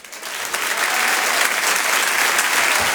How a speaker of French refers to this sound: On va changer de répertoire, comme on dit, avec un humoriste qui va nous rejoindre maintenant. Je vous demande un tonnerre d'applaudissements également pour Djal.